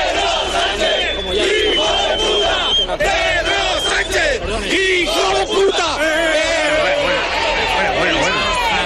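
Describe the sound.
A large crowd shouts loudly and continuously around a TV reporter attempting a live report for the programme Malas Lenguas, many overlapping voices yelling and chanting with rising and falling pitch, a dense wall of noise that swamps any single speaker; one man yells an insult into the microphone.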